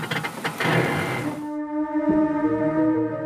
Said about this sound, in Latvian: Mēs vienkārši paņemam offroad režīmu un auto paceļās uz augšu un mēs esam augstāk. Dzirdat, kā tas notiek?